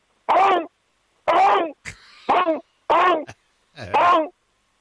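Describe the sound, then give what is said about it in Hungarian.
A voice imitates a raptor calling its companions to a feast, in a Jurassic-era scenario: five loud, harmonic, rasping calls in an irregular rhythm, each about half a second long, separated by short pauses and a faint hissy breath between. “lezuhant a repülő, mi már halottak vagyunk, és őt még kinézi három raptor, és leadja a társainak, hogy gyertek, nagy lakoma van. Hogy szól?”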